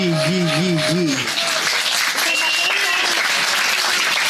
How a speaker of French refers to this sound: Il faut les applaudir plus que ça, s'il vous plaît.